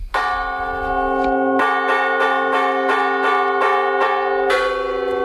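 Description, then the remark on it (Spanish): The church bells of Las Médulas, Spain, ring the fire alarm during a protest day, loud repeated strikes tumbling over one another in a rapid rhythm, their long metallic tones overlapping and sustaining with no voices present. “Las campanas de la Iglesia de Las Médulas llamando a fuego han puesto la banda sonora a esta jornada reivindicativa.”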